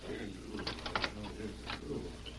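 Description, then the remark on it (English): A printing press in the shop below a sleeping room, printing fake paper money for Ormond King, clatters and thumps in a steady mechanical rhythm, muffled as if coming through a floor, with sharper clacks standing out briefly amid a constant low rumble. “If I print any more fake paper money for Ormond King, I'll never be able to face Prairie City again.”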